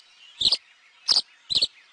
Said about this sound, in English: It's a wistful moment when your backyard swallows or bluebirds depart each fall, like the tree swallows we're hearing now.